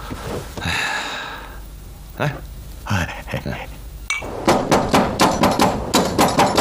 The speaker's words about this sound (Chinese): 谁呀？娘的，半夜三更敲什么门？